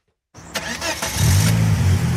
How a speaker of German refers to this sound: So tönt Carmen Hörler ihr eigenes Auto. Ein silbriger Volvo aus den späten 90er ist es.